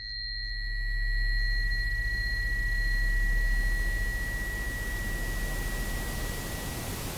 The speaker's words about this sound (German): Rauschen ist ein permanentes Tönen, aber eben in allen Frequenzspektren zur gleichen Zeit. Und auch das erfährt man eigentlich erst, wenn man dann das Rauschen mal hörbar macht. Ich glaube, das hier dürfte das weiße Rauschen sein.